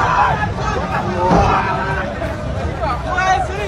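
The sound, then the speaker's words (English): A crowd of Paris Saint-Germain fans fleeing police in a street while tear gas is fired in the background, with dense overlapping shouts and agitated chatter throughout, voices rising and falling in a steady loud commotion amid a broad background rumble; one fan running by the camera yells "PSG". “in the streets while tear gas is fired in the background. Here's how that sounded.”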